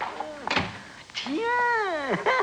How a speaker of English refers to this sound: shut the door quick.